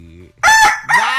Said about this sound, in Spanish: Dijimos que lo íbamos a cambiar. Otro tiene que ser otro diferente. Ese ya, el gallo ya está desgastado.